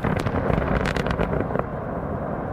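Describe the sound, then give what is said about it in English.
A deep, heavy rumble from large explosive blasts used to create open pit mines beside villages in Russia, with a cluster of sharp cracks in the first second that fades into a sustained low roar, with no voices. “Lementuyev sent me videos showing explosions used to create open pit mines right beside Russian villages.”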